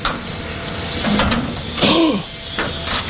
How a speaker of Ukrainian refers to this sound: Просто під під'їздом вхід у бомбосховище. Двері відчиняє комбінація цифр.